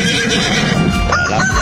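A donkey brays loudly, a harsh, strained, wheezing call that holds steady for a moment with no one speaking over it.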